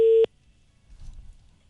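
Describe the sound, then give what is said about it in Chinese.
A loud, steady telephone ringback tone from an outgoing call to a 400 customer-service number sounds briefly at the start, then cuts off abruptly, leaving only faint low background rumble with no talking. “嗯，这电话是通的。”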